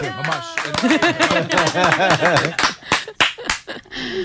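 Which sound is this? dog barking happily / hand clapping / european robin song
hand clapping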